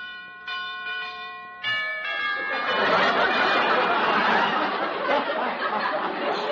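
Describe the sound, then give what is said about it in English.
A doorbell at an undertaker's house chimes a few ringing tones in quick succession, then a loud wash of audience laughter rises and carries on to the end. “Where's the bell? Oh, here it is.”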